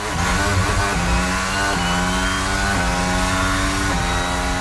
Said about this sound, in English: If you're a fan of Formula One, that sound might be giving you adrenaline. The Canadian Grand Prix is taking place today in Montreal. This year, F1 competitors are driving a new generation of race cars.